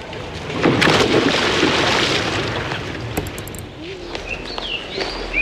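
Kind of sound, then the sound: nature, sea waves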